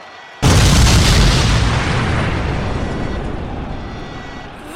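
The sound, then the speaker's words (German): A loud explosion bursts in suddenly, a hand grenade going off, followed by a long rumbling decay that slowly fades over several seconds with no voices. “Er ist explodiert und hat sich voll verteilt über den ganzen Schriftzug.”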